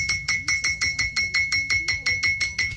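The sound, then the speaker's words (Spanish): A bell struck over and over in a fast, steady rhythm, about a dozen loud metallic clangs, each with a bright high-pitched ring that carries into the next blow. “¿Quiere ver yo quiero ver esa campana?”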